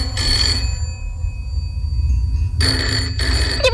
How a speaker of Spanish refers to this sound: Y sin esperar respuesta, el Chano coge el teléfono y llama a Gregor Flaute, el abogado más famoso de todo Cádiz.